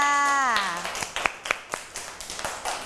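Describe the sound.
A voice speaks briefly, then children clap their hands in applause, a scattered run of sharp, close claps from a small group lasting about two seconds.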